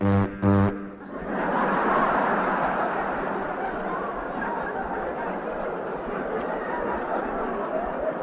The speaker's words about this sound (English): We have the diesel electric. Can you imagine anything more lonesome sounding on a cold night when you're alone than a diesel electric?